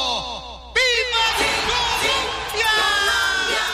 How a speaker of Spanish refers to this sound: gritando.